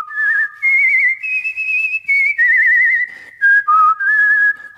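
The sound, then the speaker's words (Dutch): A person whistles an imitation of a Chinese nightingale's song: a bright, loud melody of sliding, trilling high notes in quick bursts with short pauses, no talking. “Hij vloog door de grote zaal en zong het mooiste lied.”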